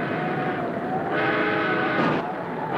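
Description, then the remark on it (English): A railroad engine signal, from an engine checking the line to make sure it is safe for the express train, sounds as one long, steady, reedy blast that swells slightly in brightness partway through, holding at an even, strong level for about three seconds with no talking. “That's the back and engine signal. Just checking the line they are to make sure 'tis safe for the express.”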